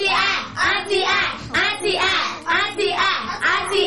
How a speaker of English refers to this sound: Correct. It's time to clap.